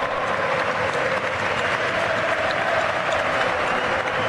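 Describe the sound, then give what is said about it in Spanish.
A large football stadium crowd applauds coach Ernesto Valverde as the whole bench poses with him for a photo, a dense, continuous roar of clapping that holds at an even loudness throughout, with no voices standing out. “Mira, mira, mira. El aplauso.”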